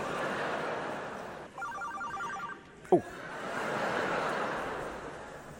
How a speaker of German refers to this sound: Ich bitte nur, hatte zu irgendein Assi sein Handy an?